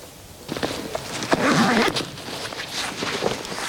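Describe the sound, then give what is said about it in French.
Bells worn by a grazing flock of local Pays Teuil ewes clank irregularly, a loose jumble of overlapping metallic knocks and jingles with soft outdoor rustle beneath. “Ouais, au son des cloches. Là, ça, c'est des brebis du Pays Teuil, donc d'ici.”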